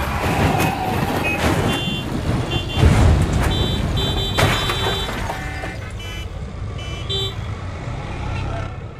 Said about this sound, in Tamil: என்ன வேகமா வந்தாங்க இந்த மூணு பசங்களும் ஒரே வண்டியில த்ரிபிள்ஸ் ஓட்டிக்கிட்டு. சிக்னலுக்கு கூட நிக்காம வந்தாங்க. இப்ப லாரி கடையில சிக்கி தவிக்கிறாங்க.